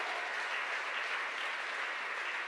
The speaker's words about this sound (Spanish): ¿Cuánto le damos un aplauso al Señor? ¿Cuánto le damos un aplauso a ese juez justo?